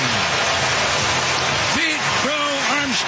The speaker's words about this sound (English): Leads off the first inning with a long home run. His 34th of the year. Listen to this crowd. Yeah, that's how you sound when you hit a 435-foot home run for your 8th leadoff home run of the career.